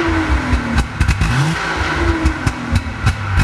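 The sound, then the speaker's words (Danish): The engine of a 1965 vintage car revs loudly as the accelerator is pressed, its deep rumble rising and falling with sharp throttle blips repeating every fraction of a second throughout. “Kan jeg ikke lige få dig til at trykke på speederen en gang til, så lader vi lige prøve at høre sådan en gammel bil fra 65 igen.”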